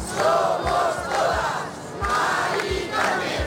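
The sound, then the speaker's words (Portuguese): A large crowd chants slogans in unison, loud rhythmic shouted phrases rising and falling in repeated bursts with steady crowd noise underneath; about 20,000 marchers in Madrid, Spain, going from Puerta del Sol to the home of Mari Carmen, an evicted 87-year-old woman, chanting "Mari Carmen, somos todos". “Percurso comovente, quase sempre em silêncio, mas com espaço para gritos de ordem.”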